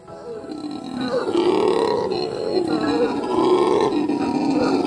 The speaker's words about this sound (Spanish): nos adentramos más profundamente en la jungla para encontrarnos con uno de los residentes más ruidosos de Manuel Antonio, el mono aullador.